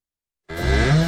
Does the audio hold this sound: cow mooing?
yes